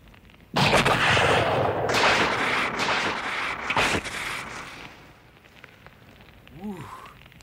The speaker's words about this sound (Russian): Ракеты вместе с газом взорвались. Хорош фейерверк.